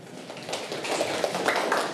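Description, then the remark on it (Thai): A group of students claps for their classmates at the end of a class presentation, in a steady, dense patter of many overlapping hand claps, building slightly in loudness and lasting the full two seconds with no voices. “พวกเราขอจบการนำเสนอไว้เพียงเท่านี้ขอบคุณค่ะ ปรบมือเพื่อนค่ะ”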